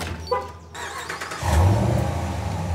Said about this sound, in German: Ja, Sie können den Wagen von weiter weg starten. So können Sie sich jede Menge Zeit sparen.